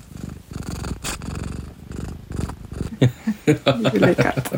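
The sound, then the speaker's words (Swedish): A cat purrs in a steady, rumbling rhythm for several seconds, then a person begins talking over the purring. “Det är väldigt passande för det är en del svarta katterberättelser och sådär.”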